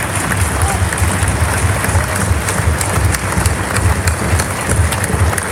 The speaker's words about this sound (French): Et je tiens à les remercier, vous pouvez les applaudir parce que c'est vraiment quelque chose qui me tient à cœur.